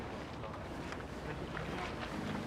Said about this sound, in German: er hat das Motorboot gelenkt.